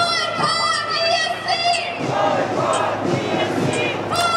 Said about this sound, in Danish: Boykot Israel og boykot Eurovisionen, råbte demonstranterne.